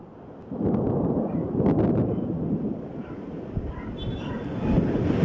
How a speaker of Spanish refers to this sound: Igual cae tormenta eléctrica en Taxco por más de 2 horas.